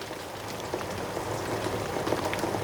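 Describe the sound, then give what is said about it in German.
A steady wash of rain that is finally easing off, heard from a kitchen, with scattered droplets pattering and ticking against a surface. The patter stays even and continuous at a moderate level throughout, with no voices. “Wie es scheint, lässt der Regen endlich nach.”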